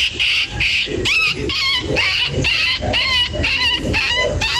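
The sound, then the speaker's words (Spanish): A person imitates a whimpering dog, producing a rapid string of about eight high, whiny yelps and whines with rising and falling pitch, loud and continuous with no talking. “Y hace como el perrito de guión.”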